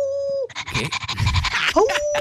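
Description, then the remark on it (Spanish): A person imitates a wolf howl, holding a steady voiced note, breaking into a breathy, noisy stretch, then sliding upward into another long sustained howl. “Aquí va mi aullido con todo su gemido.”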